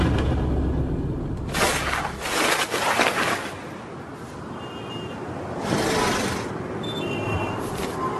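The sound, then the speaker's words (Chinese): Busy ambience at the railway station of Harbin, China: a steady low rumble with surges of hissing, rushing noise from a train, and faint high electronic tones drifting through. No one speaks. “中国哈尔滨市火车站的地址是亚洲冬季运输中心。”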